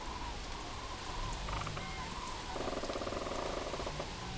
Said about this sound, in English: You can maybe hear it in the lowering of the volume of the background noise. Quite a nice view here, apart from the grey skies, surrounded by a stand of birch trees with their autumn colours on. The sound of the rain.